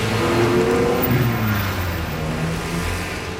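A car engine revs and accelerates, a loud, steady mechanical drone with shifting tones that eases slightly toward the end. No one speaks.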